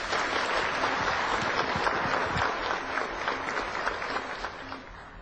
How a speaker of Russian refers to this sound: Итак, на сцену приглашается знаменитый мастер нашего жанра Сергей Яковлевич Никитин. Встречайте аплодисментами.